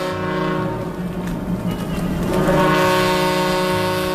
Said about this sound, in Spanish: Las sirenas del puerto rompen la calma. Un vapor, el Ciudad de Barcelona, acaba de atracar en el muelle de Alicante procedente de Marsella.